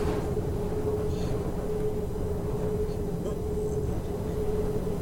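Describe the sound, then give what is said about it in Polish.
A steady, dense low rumble of a metro train rolling over rails during a ride, with a constant tonal hum running through it and faint higher squeals and clicks, heard from inside the car; the tracks here are neither very old nor new. “O, i aktualnie słyszymy, jak tory pod nami.”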